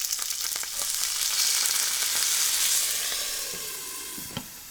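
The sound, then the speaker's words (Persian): A tablespoon of water added to a hot pot of cooking dolmeh (stuffed vegetables) sizzles and crackles steadily, a dense hiss that swells and then slowly fades, with a few sharp pops and a faint clink near the end; the pot lid is quickly put back on. No one speaks. “در هنگام پختن یک قاشق غذاخوری آب اضافه کنید و سریع دوباره در قابلمه رو بگذارید.”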